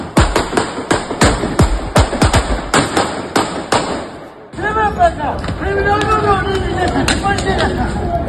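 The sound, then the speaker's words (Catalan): A rapid, irregular volley of sharp gunshots cracks out over about four seconds in an exchange of fire between attackers and police at the end of a police chase on carrer d'Europa in Camparellada, then gives way to agitated shouting and raised voices with the crowd noise continuing. “Allà s'ha produït un intercanvi de trets.”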